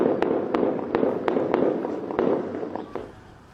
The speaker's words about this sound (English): There are reports of heavy gunfire in the province of Sistan and Baluchistan. Witnesses say the fighting began early on Saturday after military and security forces were deployed to the area.